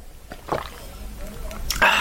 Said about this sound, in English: Can you hang on a second? I'm just going to drink some milk.